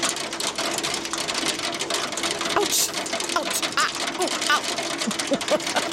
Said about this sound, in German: Also nicht mehr so Sommergewitter und ein bisschen Regen, ne? Sondern auf einmal wird der Regen zu so einer ganz fiesen Gewitterzelle und einfach kein Regen mehr, sondern heftiger Hagel.